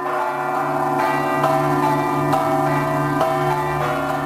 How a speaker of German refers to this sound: Ja, uns weisen hier im Hintergrund, man hört schon die Glocken dahin, zur St. John's Cathedral.